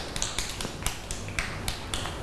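A group of children clap their hands together in a steady scattered patter of sharp overlapping claps, fairly close and moderately loud, with no talking.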